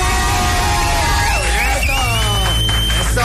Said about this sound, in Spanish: ¡Aplausos!